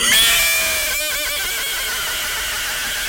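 A horse whinnies loudly, a high, bright call that breaks into a quick shuddering flutter partway through, then trails off into a long, fading tail.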